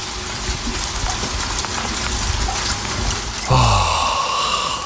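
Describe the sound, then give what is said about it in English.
Steady rain falls outdoors in the early morning, around 6:20, a continuous hiss dotted with pattering drops, growing slightly louder and fuller near the end. No voices. “Yes, actual rain.”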